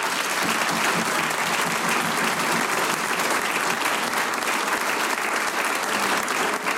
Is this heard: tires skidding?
no